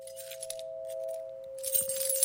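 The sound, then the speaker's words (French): Keys jangle with bright, metallic clinks, faint and scattered at first, then a busier, louder jingle near the end, over a steady high-pitched hum that runs throughout. “Les clés, tout partout, partout où vous allez, vous avez le bruit des clés.”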